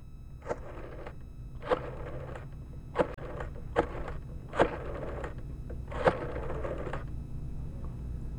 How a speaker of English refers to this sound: Then, sooner or later, on a Sunday morning, I'd hear him dialing the minister's phone number.